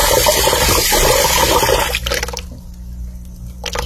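Brown, discoloured water from the Embasa supply rushes loudly and steadily for about two seconds, then abruptly drops away, leaving a low hum and faint trickling. No one speaks.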